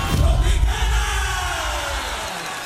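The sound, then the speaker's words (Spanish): A crowd shouting in the street during a live street broadcast from Al Costo Hiper Ahorro in the north of the city, many voices merging into a loud, continuous roar that holds steady for a few seconds before easing slightly at the end. “¿Qué es esa gritería que le jalaron por allá, hombre?”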